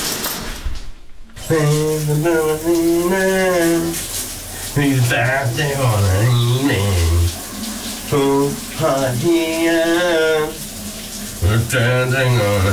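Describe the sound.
A man sings a wavering melody of a 1980s song over the steady hiss of a running shower, the water spray constant throughout, his voice echoing.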